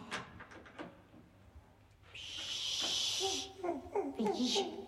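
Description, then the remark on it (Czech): A few soft, uneven footsteps tap on stairs, then a door opens with a long hissing, scraping sweep, followed by brief voices and clatter. “Aha, už jde. A po schodech. Takže nepřijede výtahem, ale přijde dveřmi.”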